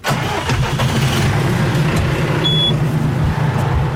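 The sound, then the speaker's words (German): A tractor engine chugs loudly, a steady low diesel rumble with slight rhythmic pulsing that holds throughout, with no voices. The tractor pulls a trailer carrying four large water tanks, heading down a hill to a hydrant near a village to fetch water in summer. “Gut, Der Traktor und ein Anhänger mit vier großen Wassertanks ist parat.”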